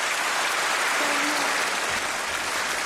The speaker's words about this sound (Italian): Ecco, noi adesso, come sentite, questo applauso, questo atteso annuncio da parte della Presidente della Commissione Europea Ursula von der Leyen davanti all'Europarlamento durante questo lungo discorso sullo stato dell'Unione Europea